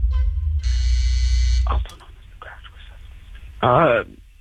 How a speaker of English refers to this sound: Okay, buzzer went off.